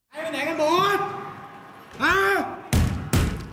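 A Thai police officer posing as a gunman in an active shooter drill at a school in Bangkok, Thailand, shouts loudly, then two heavy bangs strike a classroom door in quick succession, each a sharp booming thud.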